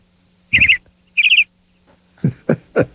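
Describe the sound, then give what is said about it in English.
A canary sings alone: two quick trilled bursts of bright, rapid notes, a short pause, then three sharp chirps in a row. “I mean, it's a canary, but parakeet, I mean, the parakeet people are like, they're not the same.”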